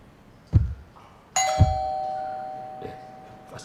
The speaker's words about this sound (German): Was war das? Wieso? Hat da jemand geklingelt? Haben wir überhaupt eine Klingel? Niemand klingelt hier jemals.